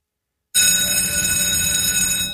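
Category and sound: signal or alarm, school bell ringing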